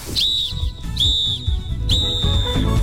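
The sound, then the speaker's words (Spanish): A referee's final whistle: three shrill, high-pitched blasts, each about half a second, evenly spaced over a steady low rumbling background. “No esperes el pitazo final.”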